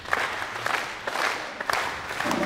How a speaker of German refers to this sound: Ich möchte gerne die Siegergruppe bekannt geben und würde Sie bitten, das Ganze mit einem kleinen Applaus zu unterstützen.